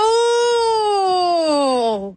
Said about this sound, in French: Oh! Oh! On dirait une sirène.